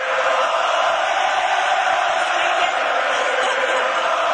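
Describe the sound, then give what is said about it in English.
A large hockey arena crowd at the Bell Centre roars and cheers loudly and continuously during an on-ice post-game interview with the young goalie, a dense, steady wall of voices with no pauses or clear individual words throughout. “This young Czech keeper was interviewed on the ice afterwards, and he tried to answer the reporters' questions, but then the Bell Center crowd intervened.”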